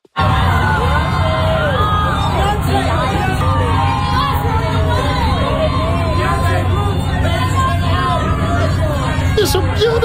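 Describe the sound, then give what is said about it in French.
A dense, constant crowd roar with many overlapping voices calling and shouting over each other, some higher yells cutting through, steady and loud for the whole stretch: crowd reactions and photographers shouting for attention as Beyoncé arrives on the red carpet at the Met Gala. “En fait, vous entendez les réactions et probablement les cris de photographes aussi qui essayent d'attirer l'attention.”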